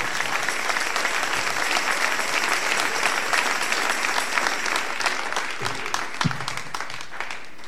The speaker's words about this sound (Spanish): Dele ese aplauso al Señor en esta hermosa mañana.